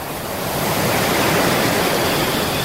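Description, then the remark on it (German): Steady roar of ocean surf washing onto a beach, a dense rushing wash that swells slightly and then holds constant, with no voices. “Statt dem Rauschen von der Wellen zuzuhören und am Strand Energie tanken”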